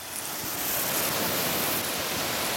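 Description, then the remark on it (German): A zookeeper's garden hose sprays water onto alpacas in their enclosure to cool them, starting at their feet, in a steady, continuous, fairly loud hiss, with a slight surge partway through and no one talking. “Okay, dann machen wir Wassermarsch.”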